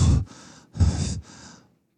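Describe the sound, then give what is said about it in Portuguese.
Heavy, tired panting breaths: two full rounds of a sharp inhale followed by a raspy exhale, fairly loud and rhythmic, with no talking. “Essa inflação não tem tempo nem de respirar, Brasil. Ela tá sempre cansada.”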